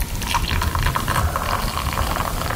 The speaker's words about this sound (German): Aber Achtung, ja? Alle mal herschauen. Ich gieße jetzt mein Zauberwasser da rein.